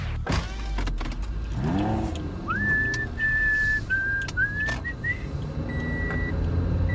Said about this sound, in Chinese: 我知道用口哨吹警广的台呼。